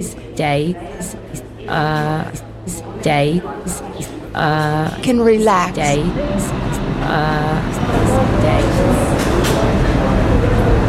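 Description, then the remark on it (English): An Uptown Local 1 subway train to Van Cortlandt Park, 242nd Street, rumbles into the station, its broad roar swelling steadily over the last few seconds after an amplified voice speaks over platform noise. “There is an Uptown Local 1 train to Van Cortlandt Park, 242nd Street, approaching the station.”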